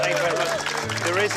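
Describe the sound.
An audience applauds loudly and continuously, a dense wash of clapping with cheering voices rising through it for the whole short stretch.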